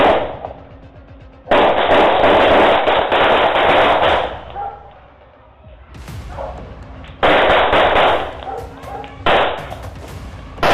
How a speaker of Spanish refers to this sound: Uno de los delincuentes hasta tira un disparo, aunque no se sabe si fue por la prisa o si de verdad quería defenderse del plomo.